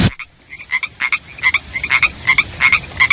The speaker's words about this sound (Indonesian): Pada musim hujan, biasanya sering kita temui katak dan juga kodok.